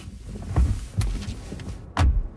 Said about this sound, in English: Voting has been on for all of 5 minutes when the doors of the polling station crash open.